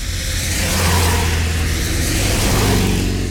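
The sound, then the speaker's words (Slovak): A car engine on a road hums loud with a low, steady rumble, its pitch lifting slightly as it revs, without a break for about three seconds, no voices. “Veď tam, kde sú autá, tam budú aj ľudia.”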